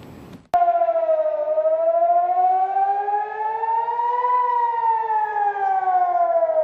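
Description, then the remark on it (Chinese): An air raid warning siren wails loudly and steadily in northern Israel on the night of June 7, as Iran fired missiles at Israel, its pitch slowly rising and falling in a long sweep after a brief noisy moment at the start. No voices are heard. “当地时间6月7号晚，以色列北部多个地区拉响防空警报。”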